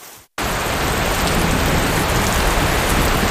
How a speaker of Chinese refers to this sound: 结果真的到了傍晚，刚才五点多的时候真的起大风，然后就下起大雨了。